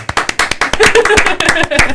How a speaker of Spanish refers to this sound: Las actuaciones van a tener que ser súper espectaculares también. Y lo lograron. ¡Aplausos!